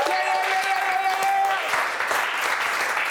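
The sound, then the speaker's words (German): A small crew claps steadily for about three seconds for a performing artist, dense and fairly loud, with a few cheering voices and a sustained whistle-like tone in the first half. “Wir geben jedem Künstler, was sonst irgendwie bedrückend wäre, einen Crew-Applaus.”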